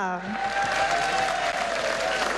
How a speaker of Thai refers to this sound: และตอนนี้ขอเสียงปรบมือดังๆนะคะให้กับเหล่าทัพนักกีฬาจากทุกวิทยาเขตค่ะ